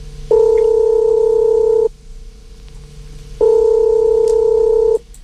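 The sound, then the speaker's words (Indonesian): Two long, steady telephone dialing tones sound loud as a phone call is placed, each lasting about a second and a half, separated by a pause of similar length with faint line hiss and no talking. “Kita Mas akan Hans coba telepon dulu.”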